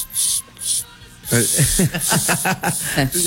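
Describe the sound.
A voice imitates a school headmistress's sharp shushing hiss used to stop people shouting: two short, loud "shh" bursts, then a longer hissing shush continues while other voices break in with talk or laughter.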